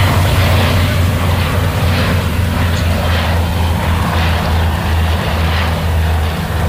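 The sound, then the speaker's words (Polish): Two firefighting aircraft approach during a firefighting exercise, their engines droning steadily and loudly, a deep low hum with a rough, rhythmic pulsing washing through the noise, with no voices. “Idą, bo chyba już nawet słychać. Teraz już widać, że idą dwa.”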